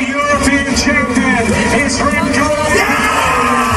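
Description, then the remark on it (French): A Belgian cyclist shouts and yells ecstatically in loud, drawn-out bursts of joyful celebration after winning the European cycling championship in a photo finish, set against a steady backdrop of crowd noise and low rumbling. “Voilà les cris de joie de Remco Evenepoel après donc son premier sacre européen hier”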